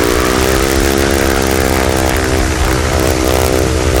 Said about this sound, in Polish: Wszystkie te silniki tradycyjne, tłokowe, spalinowe jednak generują trochę dźwięku, a tak jak słyszeliśmy przed chwilą, jednak samolot elektryczny jest dużo cichszy, zostaje tylko śmigło